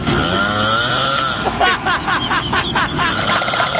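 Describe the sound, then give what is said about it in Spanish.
A small engine like a chainsaw revs up with a rising, buzzing whine, then sputters into rapid rhythmic bursts, loud throughout. “Oye, parece cuando prende la motosierra, checa bien.”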